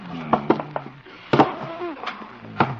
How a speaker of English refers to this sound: Never know when the Hummer will try to come in here. Better barricade the door. First the desk.